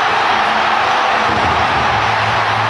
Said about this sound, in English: That was one of the biggest eruptions by a crowd I have ever heard, partially because it's a starved for winning a championship Milwaukee Brewers best record in baseball this year. But you couldn't hear the announcers at all.